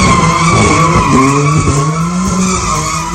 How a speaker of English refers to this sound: The video clip shows Ollie Fifield doing donuts in his pink BMW surrounded by crowds of people.